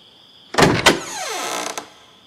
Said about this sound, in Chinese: 有人敲门，他站在那里呆若木鸡，眼睛盯着门。